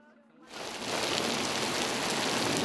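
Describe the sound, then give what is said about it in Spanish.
After a brief near-silent moment, a heavy afternoon rain shower with hail bursts in over Zaragoza, a dense, steady hiss of pelting drops that swells quickly and stays loud. “Este chaparrón y el granizo han sorprendido esta tarde en Zaragoza, también en algunos puntos de Navarra, La Rioja o de la Comunidad de Madrid.”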